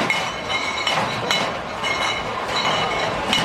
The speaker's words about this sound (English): Oktoberfest has kicked off today in Munich, Germany, with many mugs clinking.